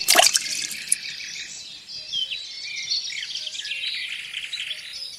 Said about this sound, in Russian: Кидает нож в воду.